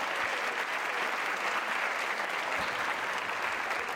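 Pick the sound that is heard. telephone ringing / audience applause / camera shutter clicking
audience applause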